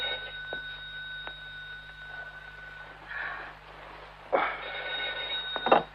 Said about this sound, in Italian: Lidia, rispondi al telefono, Lidia.